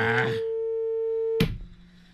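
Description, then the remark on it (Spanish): A steady, unbroken telephone line tone hums for about a second after a brief burst of voice, then is cut off by a sharp sound as someone starts talking again. “Nunca más voy a contestar ese teléfono.”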